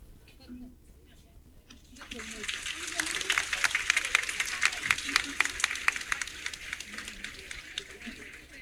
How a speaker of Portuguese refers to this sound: Então, elevar a Deus um agradecimento e também uma salva de palmas aos nossos padres